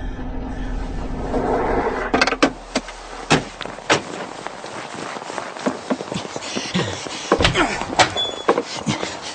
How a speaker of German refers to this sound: Der Jeep wühlte sich durch den Schnee, geriet immer wieder ins Schlingern und benötigte die ganze Fahrbahnbreite.